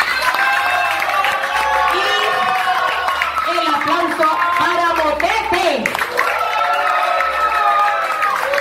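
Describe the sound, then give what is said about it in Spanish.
A crowd claps and cheers loudly and steadily throughout, with whoops and shouting voices mixed into the noisy applause. “se sienta el aplauso para usted.”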